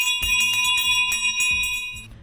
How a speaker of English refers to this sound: Stop with the bell.